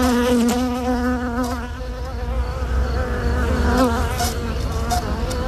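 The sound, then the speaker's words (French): A dense, continuous drone of many honeybees buzzing around a hive, with overlapping wavering hums rising and falling as individual bees pass, steady and fairly loud throughout with no voices. “Une reine qui est à la fois la vie et la raison d'être de la ruche.”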